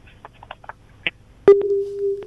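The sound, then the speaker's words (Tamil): A few faint blips and clicks, then a sharp click as a phone call from a caller in Salem drops and a steady electronic busy tone hums loudly for the rest of the moment. “இணைப்புல இருந்து விடுபட்டுட்டாங்க.”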